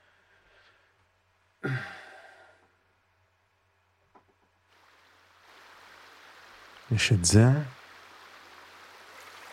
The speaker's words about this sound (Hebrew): הפעם העוגן של הצלילים שלנו יהיו הצלילים של מהטבע, של הנחל וציפורים. יש לי כמה צלילים פה של נחל, בואו נראה.